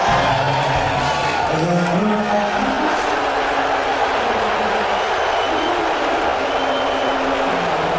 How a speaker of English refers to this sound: He was greeted by thunderous boos.